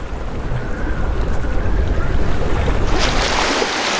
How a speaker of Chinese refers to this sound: 大风吹拂着海面，海水有规律的起起伏伏。这些涌浪或许会向远方扩散，抵达最为隐蔽的海湾。